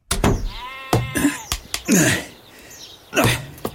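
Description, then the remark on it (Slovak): Sheep, let out to graze the grass, bleat repeatedly, wavering calls with a rich harmonic, buzzy tone, interspersed with sharp knocks and a few short snorting sounds; no one speaks. “Pustil si ovečky?”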